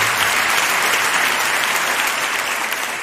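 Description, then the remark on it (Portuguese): A large crowd applauds steadily, a dense, continuous wash of clapping that stays loud and even throughout, with no voices standing out. “ele nosso aplauso.”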